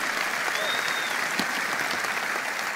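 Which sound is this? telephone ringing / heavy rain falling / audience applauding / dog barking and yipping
audience applauding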